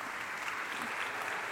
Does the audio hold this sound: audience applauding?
yes